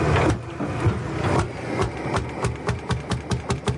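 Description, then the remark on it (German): An old water-cooled diesel tractor engine, simply built with no electrics and no control unit, runs with a rough, knocking idle, its low rumble broken by regular clattering beats that tighten into a steady chugging rhythm toward the end. “слышаш, як старий мотор клинцы.”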